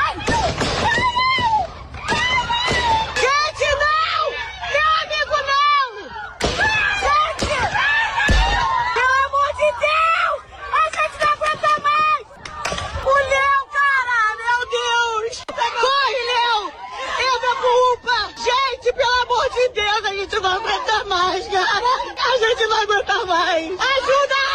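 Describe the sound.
Bystanders shout a man's name loudly and urgently, their raised voices overlapping almost continuously, with occasional sharp thuds and a tense, agitated crowd hubbub throughout, as the man, shot after being released by criminals on Estrada de Botafogo, runs to a health unit.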